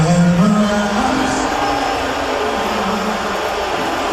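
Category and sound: crowd, stadium crowd booing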